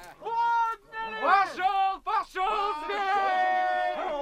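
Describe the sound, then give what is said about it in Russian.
Hunting beaters in a snowy winter forest shout and holler, several loud drawn-out calls overlapping in quick succession without clear words, raising a continuous din for about four seconds. “Это загонщики кричат, шумят.”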